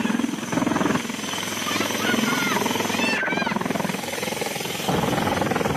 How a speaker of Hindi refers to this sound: शिवसागर जिले में एयरफोर्स के हेलीकॉप्टर के जरिए बाढ़ पीड़ितों की मदद की जा रही है।